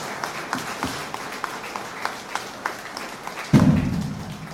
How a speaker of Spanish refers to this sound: Nuevamente un fuerte aplauso a la Madre de Dios, que es nuestra Madre.